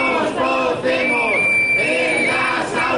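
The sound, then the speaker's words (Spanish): Parents of the Aprender sin Calor platform protest in the morning in front of the Assembly of Madrid, Spain, chanting "nos cocemos en las aulas" in unison. Many voices rise and fall together in a loud, steady rhythmic shout, with a high whistle-like tone sustained over part of it. “Al grito de nos cocemos en las aulas, se han concentrado esta mañana frente a la Asamblea de Madrid padres y padres de la plataforma Aprender sin Calor.”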